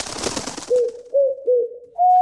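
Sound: doves cooing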